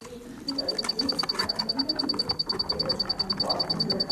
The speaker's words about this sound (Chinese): 在后城鸣虫博物馆里，大黄鹂和蛐蛐的叫声彼此应和着，闭上眼睛仿佛回到小时候夏日夜晚，躺在草地上仰望星空的情景，让人一下子放松下来。